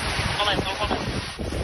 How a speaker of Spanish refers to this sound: Sonido de las labores de extinción de los bomberos. Se espera perimetrar el incendio de la Sierra Oeste esta noche si las condiciones siguen igual.